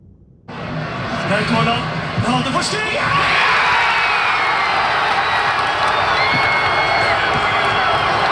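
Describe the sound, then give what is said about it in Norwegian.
A large crowd in Porsgrunn, Norway, erupts into loud cheering as Norway scores against Brazil in a World Cup football match, a dense roar of shouts, whoops and yells that swells after a few seconds and stays loud to the end. “Sånn hørtes det ut i Porsgrunn når Norge skåret mot Brasil i går.”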